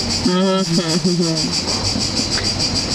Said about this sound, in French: C'est très beau, là. C'est très esthétique, les grillons.